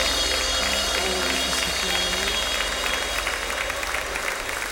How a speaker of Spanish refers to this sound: Fuerte el aplauso al Cristo maravilloso. Fuerte, que se oye. Que se oye.